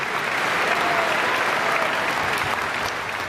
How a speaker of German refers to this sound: Soeben hörten Sie das zweite Violinkonzert von Sergei Prokofjew. Begleitet wurde Tianhua Yang dabei vom Mozarteum Orchester Salzburg unter der Leitung von Antonello Manacorda. Und das war der begeisterte Beifall, mit dem sich das Publikum bedankte.